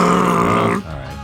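A single low, gravelly throat-clearing rumbles for almost a second, voiced and rasping, then cuts off into a quieter, breathy tail.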